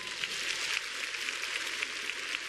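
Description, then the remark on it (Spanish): A crowd applauds steadily for a few seconds, a dense, even wash of many hands clapping at once with no break and no voices. “Date un fuerte aplauso, hija.”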